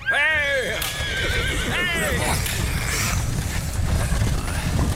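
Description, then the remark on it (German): A horse whinnies loudly twice near the start as a coachman sets a horse-drawn carriage off, hooves clip-clopping and wheels rumbling steadily beneath, with a man's brief shout. “Fahren Sie los, Kutscher.”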